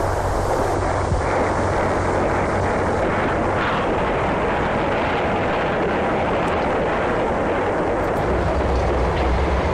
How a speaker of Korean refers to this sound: 이튿날 종호가 지나서 기차는 부평에 도착했다.